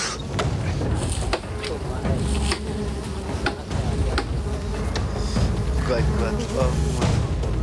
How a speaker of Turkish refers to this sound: Bu çok yıpratıcı bir iş. Ve ne kadar uzun sürerse arıları daha çok kızdırıp bir oğul oluşmasına neden olma ihtimalimiz artıyor.